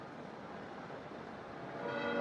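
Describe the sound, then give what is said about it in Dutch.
A steady, hissing wash of crowd-like ambience, then the bells of St. Peter's Basilica begin ringing near the end, their sustained metallic tones swelling slightly louder over the noise. “En zo horen wij de klokken van de Sint-Pietersbasiliek.”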